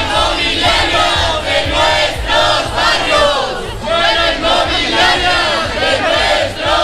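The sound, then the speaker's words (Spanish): A crowd of protesters at a housing demonstration called by the Sindicato de la Vivienda in Valladolid chants loudly in unison, voices rising and falling in steady rhythmic bursts, sustained throughout with no pauses, dense and shouting over a low rumble of the gathering. “Gritos similares se han escuchado también en Burgos.”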